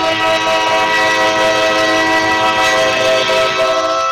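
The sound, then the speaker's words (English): A loud, sustained stadium train whistle blares steadily for several seconds after a Hammers touchdown on a kick return, its bright harmonic chord holding without a break, with faint crowd noise beneath it. “And I forgot about that whistle.”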